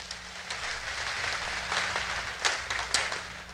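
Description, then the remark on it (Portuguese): A church audience applauds steadily for a few seconds after a prayer, a dense, hissing wash of many hands clapping at once, with a few sharper claps standing out near the end. No one speaks. “Quero uma salva de palmas.”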